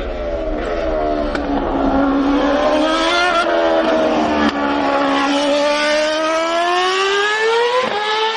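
A loud, high-revving race car engine whines past, its pitch climbing and dipping across several seconds with no voices, like a Formula 1 car sweeping by.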